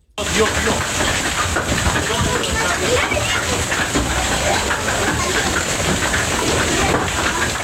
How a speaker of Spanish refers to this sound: Así sonaba ayer la tormenta que sorprendió al norte de la provincia de Almería. En torno a las 7:30 de la tarde, una intensa granizada descargó sobre La Jauca, en el entorno de El Ijate, dejando piedras de hielo de gran tamaño